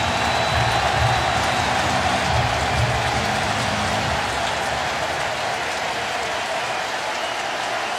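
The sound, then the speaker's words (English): A baseball stadium crowd cheers in a loud, steady roar, a dense wash of voices and applause that holds at an even level for about eight seconds with no single voice standing out, during a full count in the second inning of a game. “He's been sitting in that dugout for a long time, and now here comes the crowd.”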